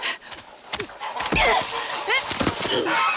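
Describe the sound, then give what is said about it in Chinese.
Several short, nasal goose honks ring out at irregular intervals from a mother goose with her goslings eating planted seedlings, mixed with dull thumps and scuffling movement. “坏大鹅，你叫叫你叫，就你撒手叫那些小鹅仔住嘴。”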